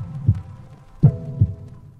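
A heartbeat thumps alone in a radio promotion for a heart-health contest: three deep, dull beats in a lub, then lub-dub rhythm, low-pitched and fairly strong, over a faint steady hum with no voices.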